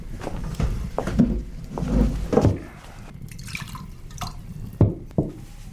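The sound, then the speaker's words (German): Wine is poured into cups in short splashy bursts, with a few soft knocks and drips between pours; fairly quiet, with no voices. “Der Wein kommt gleich.”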